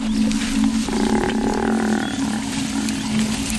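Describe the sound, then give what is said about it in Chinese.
A loud, drawn-out bellow from an African buffalo in distress, calling its companions for help in the early morning, a deep droning moan with strained upper tones that holds steadily for several seconds, unbroken. “非洲水牛呼唤同伴的叫声打破了清晨的宁静，斑鬣狗听到了非洲水牛的求救声，他们推断有狮子抓到了非洲水牛，可是在哪儿呢？”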